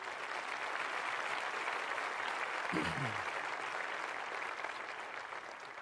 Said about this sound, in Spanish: Muy bien. Dale fuerte ese aplauso al Señor, claro.